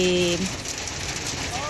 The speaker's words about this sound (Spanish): Nos dice: mina Centinela en estos momentos con granizos. Ya, esto es en la región de Antofagasta.